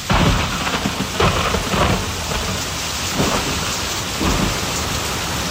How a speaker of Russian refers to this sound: Ой, а что это птички замолчали? И что это зашумело? Так это же дождь пошел.